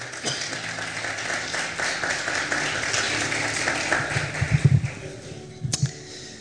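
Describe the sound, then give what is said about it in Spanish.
An audience applauds steadily, a dense wash of many hands clapping that holds for several seconds, with a few louder low bursts near the end as the clapping starts to thin out. “Un aplauso, por favor.”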